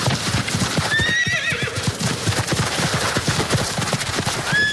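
A horse whinnies loudly, its shrill rising cry ringing out twice, over a steady, rapid clatter of hooves clip-clopping on a hard surface throughout.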